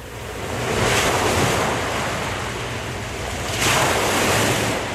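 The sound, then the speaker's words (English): Steady ocean surf rolls in at the Flagler Beach Pier, a broad hissing wash of waves swelling twice with some wind noise on the microphone and no voices. “Live from the Flagler Beach Pier”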